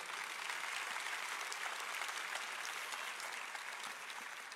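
A church audience applauds during a sermon about the return of Christ, a dense wash of many hands clapping at an even level throughout, with no speech over it.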